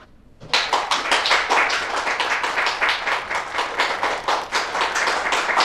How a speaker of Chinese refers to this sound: 大伙儿都别鼓掌了